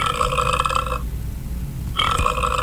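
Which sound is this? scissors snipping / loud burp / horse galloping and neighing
loud burp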